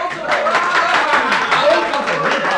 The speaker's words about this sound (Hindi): चारों तरफ तालियां पड़ने लगीं। ऐसा लगा मानो किसी दंगल के दर्शक अपने पहलवान की विजय पर मतवाले हो गए हों।